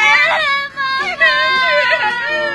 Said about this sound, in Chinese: 女儿的哭声没能唤醒曹洪亮的人性